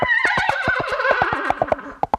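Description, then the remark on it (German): A trumpet mimics a horse's whinny, a bright wavering call that slides downward, played over a steady clip-clop of woodblock-like hoofbeats made with coconut shells, fairly loud with no voices. “Wer jetzt noch einen Trompeter im Bekanntenkreis hat, kann das Pferd dazu noch wiehern lassen.”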